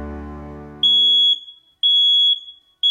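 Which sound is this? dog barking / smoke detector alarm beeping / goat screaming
smoke detector alarm beeping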